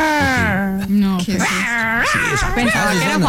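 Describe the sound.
A person vocally imitates a small dog's whimpering, like a pinscher, producing high, wavering whines and yelps that rise and fall in pitch over a few seconds, fairly loud and continuous.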